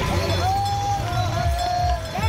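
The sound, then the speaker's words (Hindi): A brass bell of about 2.5 to 3 kg, tied at a man's waist, rings steadily as he walks on the Kanwar Yatra pilgrimage, its bright metallic tone sustained and shimmering over a low rumble of background noise. “पिछले 10 साल से अपनी कमर पर करीब 2.5 से 3 किलो की पीतल की घंटी बांध कर कांवड़ यात्रा कर रहे हैं।”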